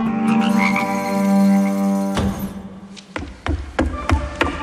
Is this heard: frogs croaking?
yes